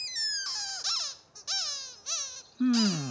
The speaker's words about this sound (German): Dann muss ich das wohl noch mal hören, Quietscheentchen.